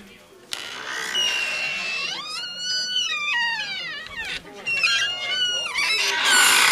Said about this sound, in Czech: Tak, a to jsou naše dveře tam a zpátky. Hustý, to je skvělý teda.